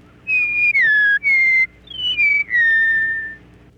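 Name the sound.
meadowlark song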